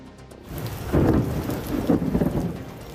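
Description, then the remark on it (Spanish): Steady rain hisses throughout while deep thunder rumbles swell in, rolling loudly at about one second and again near two seconds. No voices. An electrical storm less than 24 hours before the final, which cancelled Spain's last training session. “Pues a menos de 24 horas para la final, una tormenta eléctrica ha obligado a cancelar el último entrenamiento de España antes del gran día y los jugadores han hecho una pequeña sesión física en el gimnasio.”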